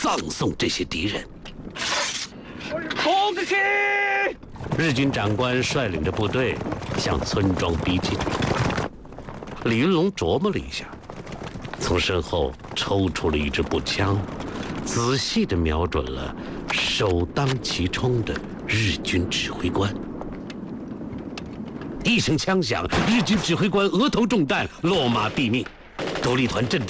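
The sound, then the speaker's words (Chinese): A chaotic battle scene: dense, rapid gunfire crackles almost nonstop from the Independent Regiment's positions against Japanese troops, with heavy bursts and booming blasts, including thrown hand grenades, layered over shouting voices, loud throughout. “独立团阵地上顿时枪声大作。”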